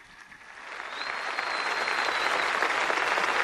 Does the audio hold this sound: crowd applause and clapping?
yes